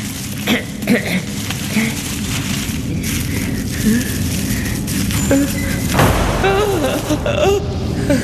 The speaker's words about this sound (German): Nur die Tür. Es war nur die Tür.